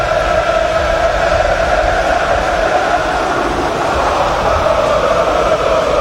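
Feyenoord supporters in a huge football stadium sing for player Ueda after his first goal of the season, a dense, steady wall of massed voices with a faint tonal hum running through it, holding constant at high volume throughout.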